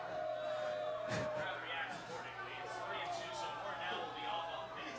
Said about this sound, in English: The crowd is really getting into it here in the ninth.